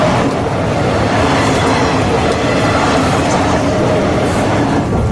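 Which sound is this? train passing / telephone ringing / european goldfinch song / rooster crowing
train passing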